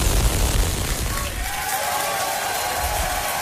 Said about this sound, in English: Starship, the largest and most powerful rocket in history, launched from Texas. SpaceX employees cheered as the rocket blasted off from its new launch pad in Texas. 5, 4, 3, ignition. We have liftoff.